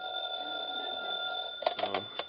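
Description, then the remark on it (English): A telephone in the hall rings steadily and fairly loudly at 3 o'clock in the morning for over a second, then stops abruptly with a few clattering knocks, as if the receiver is being lifted. “3 o'clock in the morning and the phone rings.”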